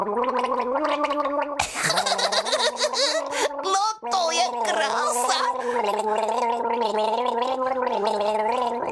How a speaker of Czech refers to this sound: Že bys mohla zkusit zaspívat s vodou v puse. Yeah. To bys mohla. Něco zkus, jenom pár tónů. To zkus rozhodně. Pár tónů, tady se vem láhev s vodou, hezky se napij. No a teď zažbluňkej.